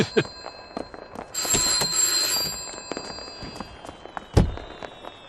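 A telephone rings with a bright, shrill electronic trill for a second or so, set among scattered clicks and knocks. Nobody speaks.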